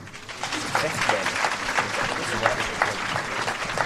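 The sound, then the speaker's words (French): An audience of secondary-school students in Cannes claps steadily at the end of a screening of Xavier Dolan's film "Juste la fin du monde", a dense, continuous patter of many hands at even loudness with no pause, and a murmur of voices mixed in beneath. “Applaudissements à la fin du film et questions pour le réalisateur par les élèves de seconde et de terminale.”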